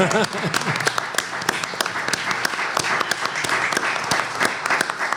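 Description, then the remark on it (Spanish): A crowd applauds steadily for several seconds at the Palacio Piria, during a special program marking the 200th anniversary of the Judiciary, dense overlapping claps forming a continuous bright patter with individual sharp hand claps standing out, while a voice briefly speaks underneath at the start. “Bien, ¿quién aplaude a quién? Nosotros.”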